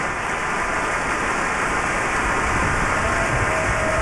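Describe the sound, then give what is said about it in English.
Sustained applause from a large audience in a concert hall for the Cleveland Orchestra and Maestro Welser-Möst after a performance of the Verdi Requiem, performers on their feet for a curtain call; a dense, steady wash of many hands clapping at an even level throughout, with no voices rising above it. “And while the applause for the Cleveland Orchestra continued for several more minutes with great appreciation for their performance of the Verdi Requiem, we are bringing the first half of this program to a close.”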